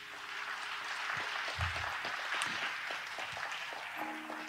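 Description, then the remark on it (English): A church audience in a sanctuary claps steadily in praise to the Lord, a dense wash of many hands for several seconds, with a faint sustained keyboard tone underneath. “If you believe that, give Lord a hand clap of praise.”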